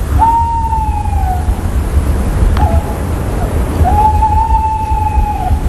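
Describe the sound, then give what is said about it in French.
A bird calls with two long, steady whistled notes that dip slightly at the end, separated by a brief sharp chirp, heard over a constant low rumble with no talking. “Les oiseaux chantent pour attirer une femelle, ou en tout cas un partenaire, car les femelles aussi parfois chantent.”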